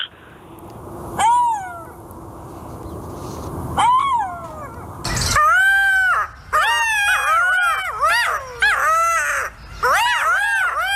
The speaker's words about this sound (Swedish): ett smakprov på hur denna beryktade guldschakal kan låta